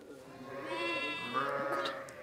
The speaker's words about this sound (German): Und hier haben wir nämlich ein schwarzes Schaf bzw. ein schwarzes Lamm.